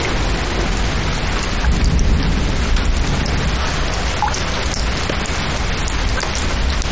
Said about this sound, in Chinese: 外面在下雨，妈妈没有带伞，妈妈可能在淋雨。